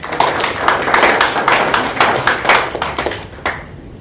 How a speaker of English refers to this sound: So we can clap for them.